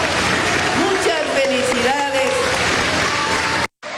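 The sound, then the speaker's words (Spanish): A large crowd at an official event with President Claudia Sheinbaum in Tampico, Tamaulipas, Mexico, claps and cheers steadily, with a raised voice shouting over the noise, before the sound cuts out briefly near the end. “Bueno, pues está lo que dijo la presidenta ahí en Tamaulipas, pero no todo fue aplausos en el evento oficial.”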